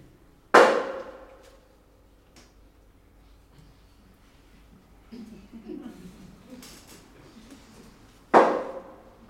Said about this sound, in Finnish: Myötävä vastaus, kolme lyöntiä, kieltävä kaksi.